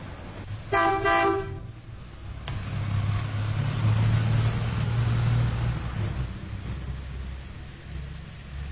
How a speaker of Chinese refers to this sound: 开着汽车回到寓所，驶进车库，突然汽车又倒开出来。